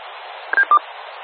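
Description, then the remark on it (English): Two quick, clear electronic keypad beeps from a phone as someone brings it up, one after the other over a steady background hiss. “Bring up my phone here.”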